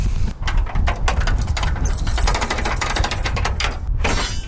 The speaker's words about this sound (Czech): právě otvírá dveře kapličky svatého Florianka nad Moravským Krumlovem.